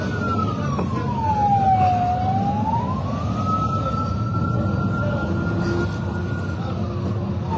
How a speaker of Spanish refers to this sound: Bueno, hay bastante movimiento en este momento, ya lo desbloquearon por este sector. Bueno, ahí está la ambulancia también está pasando en este momento.